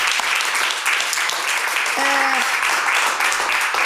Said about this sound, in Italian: allora, applauso, sì, applauso.